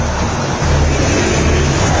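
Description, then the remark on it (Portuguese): Cruzeiro supporters at the Mineirão football stadium sing together in a dense, steady roar, loud and continuous throughout, with a faint low chanting undertone and no individual voices standing out. “Iremos a 50, a torcida do Cruzeiro canta.”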